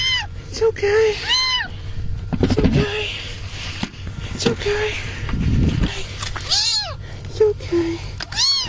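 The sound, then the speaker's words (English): A kitten, found beneath tornado debris in Mississippi, meows over and over in thin, high-pitched cries, with short gaps between calls and a steady low rumble of background noise underneath. “It's a cool story of a kitten rescue and a little bit of a lecture for the rescuer, but I think that's pretty all right, too.”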